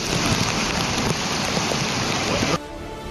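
A loud, steady roar of surging floodwater in the Bhinni stream at Billawar after its water level suddenly rose sharply, dense and continuous, then abruptly dropping to a much quieter background near the end.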